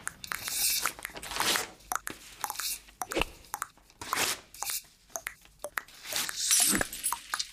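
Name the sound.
paper being torn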